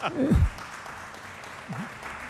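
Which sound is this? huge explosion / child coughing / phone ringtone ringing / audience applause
audience applause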